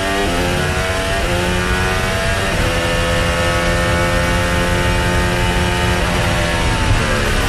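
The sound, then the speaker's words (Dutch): A racing car engine roars loudly, its pitch surging and dipping through several revs while the harsh mechanical drone continues steadily without a pause as the engine breaks down; no voices are heard. “Hij stopt ermee. Gaat gewoon kapot.”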